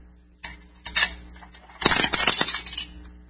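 A dime drops into the coin slot of a radio: a few light metallic clinks, then a longer, busier bright rattle as the coin tumbles through the mechanism. No voices.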